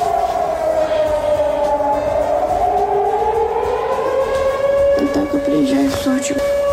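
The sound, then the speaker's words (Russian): A loud civil defense air raid siren wails steadily, its tone sagging low and then slowly climbing again, with a brief stretch of voices murmuring underneath toward the end. “В других регионах, наоборот, россияне не слышат сирену вообще.”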